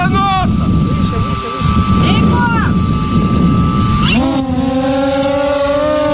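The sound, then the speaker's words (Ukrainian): A Vector fixed-wing reconnaissance drone weighing 8.5 kg, flown by training cadets, its motor whining steadily, its pitch sweeping up and down as it maneuvers, over constant loud wind-like rushing noise. “А ці курсанти вчаться керувати дроном літакового типу «Вектор».”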